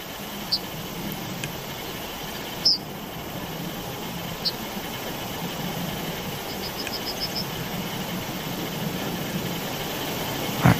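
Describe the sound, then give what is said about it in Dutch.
A yellowhammer sings a quick run of about seven short, high, evenly spaced notes, preceded by a few scattered chirps, all faint over a steady low rumble like traffic. “En ook Myrna stuurde het geluid van diezelfde vogel, namelijk de geelgors.”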